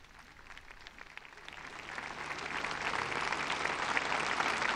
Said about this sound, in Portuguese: O aplauso dos fiéis na conclusão do discurso do Santo Padre, neste momento da oração do terço, da procissão das velas.